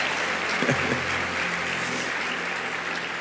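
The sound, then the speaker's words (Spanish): An audience applauds the Lord steadily, a dense, even wash of many hands clapping that holds at a constant level throughout, with a faint voice briefly audible early on. “Sí, dele más aplausos al Señor.”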